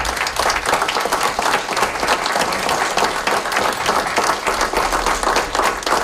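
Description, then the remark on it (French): Sustained applause from the Council of the United Counties of Prescott and Russell in Eastern Ontario, where four emergency paramedics received the Accolade award for team courage. It is a dense crackle of many hands clapping steadily at an even, fairly loud level, with no voices standing out. “Ce que vous entendez, ce sont des applaudissements qui viennent du Conseil des Comtés Unis de Prescott et Russell.”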